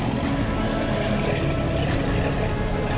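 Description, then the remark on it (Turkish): The engine of the 15-metre boat Hinder rumbles steadily as it reverses out of its berth, a dense low drone with a constant churning roar that neither rises nor fades over the few seconds, with no voices. “Ufak bir aracı park yerinden çıkarabileceğinden daha hızlı şekilde çıkardı tekneyi.”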